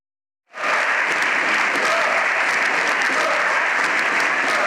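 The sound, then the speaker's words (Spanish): Sustained, dense applause from the Socialist bench in a parliamentary chamber starts abruptly and stays loud throughout, with opposition voices shouting faintly underneath the clapping, demanding the president's resignation. “La bancada socialista aplaudiendo la de la oposición, pidiendo a gritos la dimisión del presidente.”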